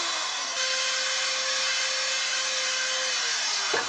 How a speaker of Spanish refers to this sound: Todo lo que tienes que hacer es taladrar un agujero en esta hermosa guitarra y montarla de manera que quede justo encima de la pastilla. Vamos a taladrar.